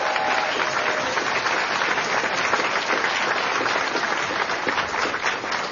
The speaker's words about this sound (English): A round of applause